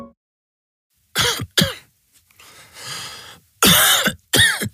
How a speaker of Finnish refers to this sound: Hei, älä suotta köhi. Ota Kellorevoise.